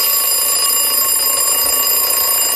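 An alarm clock rings loudly and without pause, a bright, high-pitched electronic tone held steadily for a couple of seconds, with no voices present.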